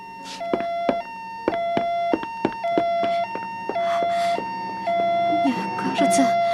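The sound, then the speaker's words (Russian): A police car siren from police cars nearly arriving at the scene wails in a steady two-tone pattern, stepping between high and low pitches with sharp clicking bursts, holding fairly loud throughout while faint voices mix in toward the end. “Полицейские машины почти на месте. Ты слышишь сирену?”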